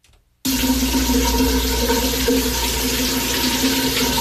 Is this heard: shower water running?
yes